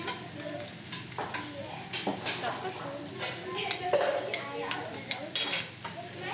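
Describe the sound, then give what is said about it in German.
A spoon scrapes and clinks against a cooking pot several times as a little home-cooked food is scooped out for tasting, with a steady sizzle underneath and faint voices in the background. “Man nimmt sich mit einem Löffel ein bisschen was raus, gibt auch seinen eigenen Löffel.”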